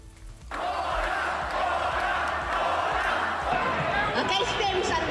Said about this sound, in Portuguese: Unha Silvia Uriols que chegou a proclamar que a Alianza veu para salvar Cataluña. Facía entre os aplausos dos seus sigadores e os apupos dos do lado contrario.